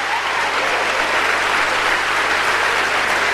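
An audience applauding steadily, a dense, continuous patter of many hands clapping at a fairly loud, even level throughout, with no voices standing out above it.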